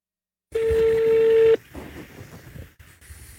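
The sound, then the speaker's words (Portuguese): A telephone keypad tone as someone dials an ice cream shop in Ipanema, Rio de Janeiro, sounds as one steady, loud beep for about a second, then cuts off into soft, muffled rustling and line noise. “Vou ligar uma sorveteria em Ipanema.”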